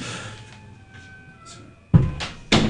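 A door in a live radio studio closes with a sharp thump, quickly followed by a second knock, after a stretch of quiet room tone with a faint steady hum.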